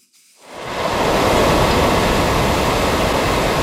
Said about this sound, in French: C'est un drame dont la portée se transpose mal en son. Difficile d'imaginer la force de ce torrent d'eau qui cascade dans les rues défoncées, contournant des maisons assiégées.